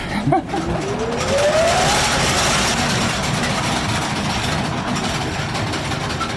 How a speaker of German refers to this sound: Und wir haben hier eine sogenannte Schremmmaschine, die hat sozusagen einen Schlitz in das Kohleflöz geschnitten, damit die Kohle besser rauszubrechen war, also besser abzubauen war.